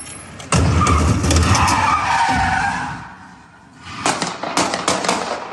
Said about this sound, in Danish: Den her video, som jeg har fundet hos TV2, viser sådan en hvid bil, der vender 180 grader meget hurtigt, kører ind i en stor skraldespand, imens den gør det, og så samtidig så følger en politibetjent til fods efter bilen og skyder adskillige gange